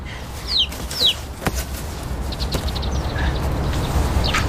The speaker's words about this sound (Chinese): 哎呀，小鸡崽儿。